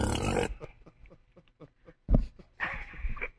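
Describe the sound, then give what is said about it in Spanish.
A harsh, raspy hawk from deep in the throat, raising mucus from the larynx and esophagus toward the uvula and tonsils, followed by a string of short wet clicks and snorts, then two more loud guttural rasps drawing up phlegm. “Trate de mantenerlo entre la úvula y las amígdalas, por favor.”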